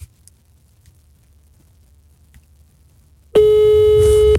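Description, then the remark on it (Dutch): After a few seconds of near silence, a single loud, steady telephone ringback tone sounds for about a second, the buzzy hum of an outgoing call from a phone to a colleague waiting to be answered. “Ja, ik ga hem bellen.”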